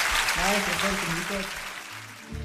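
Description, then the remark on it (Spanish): Steady applause from an audience, a dense wash of clapping that holds through the whole moment, with a voice rising over it early on before the clapping carries on alone. “Fuerte el aplauso.”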